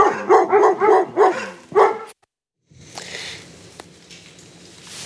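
A dog barks in a quick, loud run of about five barks, then one more bark after a short pause. A sudden cut to silence follows, then faint outdoor background noise.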